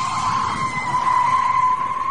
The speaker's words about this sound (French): On va faire écouter un bruit, à vous de deviner, le pneu, ainsi que les jantes qui vont avec. Petit grincement de pneu d'une voiture, écoutez bien.